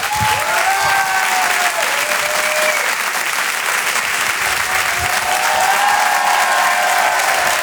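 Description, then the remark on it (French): Loud, sustained applause from a large audience welcoming the Québécois star Rachid Badouri fills the whole stretch, a dense steady roar of clapping with a few faint whoops or whistles rising above it. “Je vous demande s'il vous plaît, mesdames, messieurs, un tonnerre d'applaudissements pour Rachid Badouri.”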